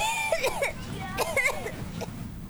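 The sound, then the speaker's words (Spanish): A young child coughs, a few short, rough bursts spaced irregularly over a couple of seconds, with a soft low background hum. “Por más historias sin tos, Muxol pediátrico, indicado para el alivio de la tos con flema.”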